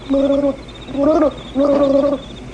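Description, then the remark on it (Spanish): Three short, wavering bubbling bursts, each about half a second long, with a mid-pitched gurgling tone and brief pauses between them. No talking. “No, un ruido extraño, semejante a un burbujeo.”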